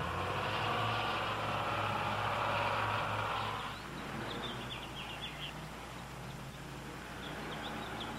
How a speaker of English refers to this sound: Empty, it weighs more than 9 tons. It's powered by a 200-horsepower diesel engine. It can carry 75 passengers.